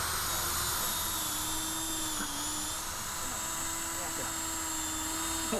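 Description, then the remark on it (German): A power drill runs continuously and loudly, its steady high motor whine holding nearly one pitch with a brief dip midway, as it bores holes of different sizes (4, 6 and 8 bits) for a bee hotel. “6, 8 und dann habe ich noch einen 4er-Bohrer, dass wir dann nachher, wenn wir eine gebohrt haben, dass wir dann nochmal umstellen.”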